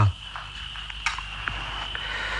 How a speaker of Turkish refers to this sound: Dinle bak, cırcır böcekleri.